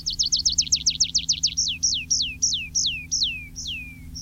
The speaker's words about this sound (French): Le pipit des arbres.